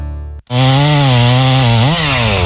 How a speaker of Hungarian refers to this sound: Vigyázz! Dől a fa! Hallottad? A szomszédék spórolni akartak, és maguk kezdték el kivágni az udvarukban lévő óriási fenyőfát.